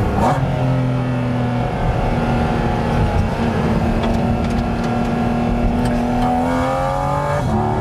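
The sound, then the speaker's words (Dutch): A 718 Cayman GT4 RS mid-engine sports car revs hard and loud on a public road, its pitch climbing and falling in sustained high-rpm pulls with a rasping, strained tone, without any talking. “Dus, zo'n auto als dit, die 718 Cayman GT4 RS, ja, die komt natuurlijk echt beter tot zijn recht op het circuit.”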